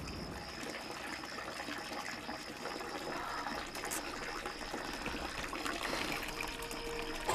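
Water runs steadily from an open tap, a continuous splashing hiss that holds at an even level for several seconds with no voices.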